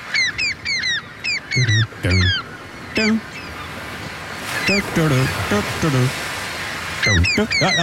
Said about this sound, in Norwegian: både elsket og hatet på sommeren, måkene, og det en liten gjeng med måker som gjør så godt de kan med å nynne på en kjent låt